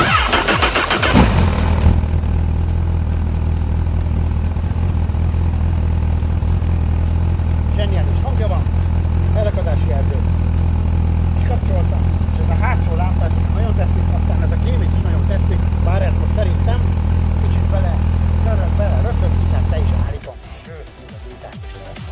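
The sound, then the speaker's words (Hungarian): A Honda Hornet SP 1000 motorcycle engine cranks briefly and fires up, then settles into a steady, loud idle rumble for about eighteen seconds before cutting off abruptly, with faint talking underneath. “Adjunk rá, hát azt a gyújtást már ne hiszen, azt már adtunk rá, de hogy akkor indítsuk el szépen ezt a motor kerékpárt, legyen is röpentsük be.”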